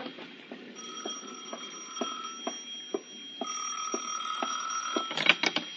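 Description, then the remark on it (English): A telephone bell rings steadily at five minutes to six with a bright, sustained metallic tone and a regular ticking clatter, growing a bit louder and busier toward the end. No one speaks. “It was 5 minutes to 6 when the phone rang again.”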